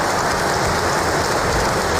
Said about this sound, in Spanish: Antes de empezar ese discurso, hemos escuchado aplausos al rey Mohamed VI, como hace habitualmente, lo está leyendo.